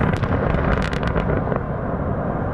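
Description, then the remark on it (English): A series of heavy blasting explosions used to create an open pit mine right beside Russian villages, a dense rumbling roar with several sharp bursts crackling through it before settling into a sustained low thunder. “sent me videos showing explosions used to create open pit mines right beside Russian villages.”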